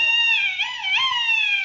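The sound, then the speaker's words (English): A duck call carved out of a turkey bone is blown in one long, reedy, nasal note that wavers and dips twice in pitch, loud with nothing else around it. “it was a duck call I carved out of a turkey bone”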